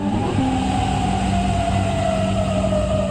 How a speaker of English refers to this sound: Sirens sound in Kuwait City early this morning as Iran responded to a new wave of U.S. strikes by launching drones and missiles at several Gulf countries and Jordan.